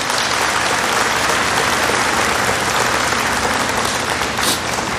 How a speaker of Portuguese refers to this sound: Quem aqui ama a Teresinha? Levanta a mão. Uma salva de palmas para Santa Teresinha.